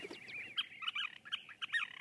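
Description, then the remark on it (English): Scissor-tailed flycatcher calls: a quick run of sharp, squeaky chattering notes in uneven bursts, clear over faint background hiss, with no voices. “That was just a bird note about the scissor-tailed flycatcher.”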